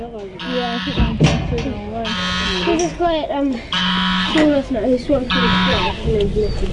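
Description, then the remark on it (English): A goose up on top of a hill honks insistently in harsh, raspy bursts, four loud calls repeating every second or so, while people talk in the foreground. “That goose is really insistent.”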